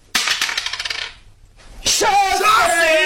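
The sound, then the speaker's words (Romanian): A second die is rolled across a table, clattering in a quick, fading burst of sharp clicks lasting about a second, followed after a brief pause by a loud, wavering tonal sound. “Mai am încă un zar. Da. Dacă dau 5, e egal. Și dăm din nou”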